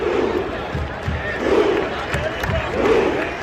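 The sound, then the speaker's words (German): A large crowd of Norwegian football fans at the World Cup roars in unison, the whole stand making rowing movements in time; rhythmic surges repeat about every one and a half seconds like a rowing stroke, loud and chant-like throughout. “Die norwegischen Fans sind so irre, die komplette Kurve macht Ruderbewegungen im Takt und brüllt dazu.”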